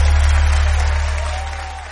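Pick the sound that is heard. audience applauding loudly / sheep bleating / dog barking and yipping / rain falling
audience applauding loudly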